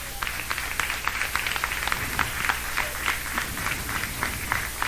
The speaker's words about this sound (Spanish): Dan palmas a Dios, hermanos.